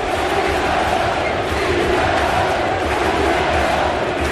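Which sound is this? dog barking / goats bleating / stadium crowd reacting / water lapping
stadium crowd reacting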